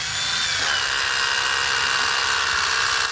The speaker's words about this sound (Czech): Když přicházím k západové desce budoucího kulturního centra, ozývá se ještě z jedné strany vrtačka, po chvíli ale její zvuk vystřídá slavnostní poklepání kladivem.